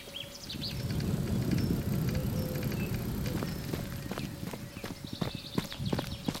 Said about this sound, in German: So klingt das Blockland an einem typischen Nachmittag. Vögel, Fahrräder auf dem Deich, im Hintergrund rauscht die Wümme, links und rechts hohe grüne Bäume, alte Bauernhäuser, Wiesen, Kühe auf den Feldern.